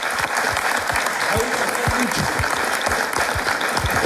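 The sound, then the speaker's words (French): A show audience applauds the team captains and host steadily for about four seconds, a dense, even wash of clapping with no pauses or swells, loud throughout. “Je propose qu'on applaudisse tout le monde, évidemment.”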